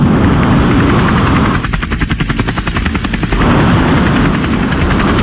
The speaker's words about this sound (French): Un hélicoptère. Est-ce que tu en es sûr? Oui. Eh ben tu sais quoi, c'est la bonne réponse.